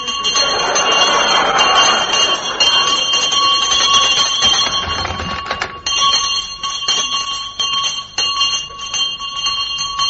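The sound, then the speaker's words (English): A loud house bell in a big house rings continuously with a bright, sustained metallic clang, its tone wavering as the pull is worked, filling the whole stretch with no talking. “you need a loud bell in a big house like this”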